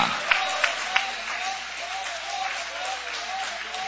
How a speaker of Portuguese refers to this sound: Toma o vosso assento, guarda a sua Bíblia com carinho e podem aplaudir a Deus com alegria. Tá fraco, Jesus merece melhor. Essas palmas podem ser melhor, esses glórias também.